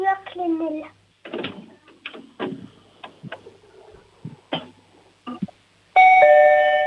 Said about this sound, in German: Wow, das ist ja eine tolle laute Türklingel.